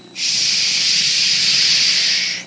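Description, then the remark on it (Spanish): A voice imitates rainwater pouring down in a storm, blown sideways by a sudden wind, with one long, steady, loud hissing "shhh" that holds evenly for about two seconds, then cuts off. “Mira, el agua caía así.”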